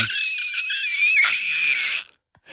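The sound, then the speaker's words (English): A person trying to scream as hard as they can lets out one long, shrill, strained scream at full force for about two seconds, then breaks off into a brief silence before another cry begins right at the end. “Is that you trying to scream as hard as you can?”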